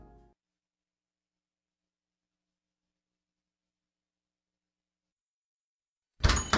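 After a long silence, loud knocking on a door breaks in near the end, a short cluster of sharp raps, as Charles Barkley knocks at the door in a Capital One Bank commercial.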